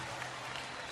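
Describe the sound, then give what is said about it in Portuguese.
A brief burst of applause, a steady patter of many hands clapping together, lasting under a second with no voices on top. “uma salva de palmas, por favor.”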